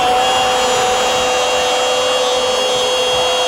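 A power drill whirs steadily at high speed for a few seconds in a radio advert for the hardware store Ferretería Casa Ramos, a loud, continuous motor whine with a gritty grinding edge and no voices.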